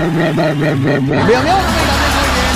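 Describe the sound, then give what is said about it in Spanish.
A small dog named Cachupina yaps in a quick, steady series of barks, then lets out a rising, wavering whine, over a noisy, bustling background. “Se comunica nuestro perrito Cachupina, ¿eh? Mira.”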